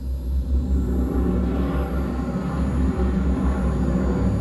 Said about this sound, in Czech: Cílem přistání bude planina před městem. Všichni zaujměte svá místa. Smysy, zážeh brzdících systémů. Provedu, pane kapitáne. Navádíme loď na přistání.